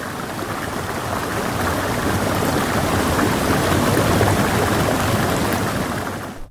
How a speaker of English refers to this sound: You're listening to the sounds of Bean Creek on 99.1 WQRT LP Indianapolis.